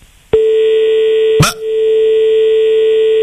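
A steady, continuous electronic telephone tone, after a caller's phone call to a broadcast dropped, starts abruptly and drones on unbroken, interrupted once by a brief sharp click partway through, with no voices.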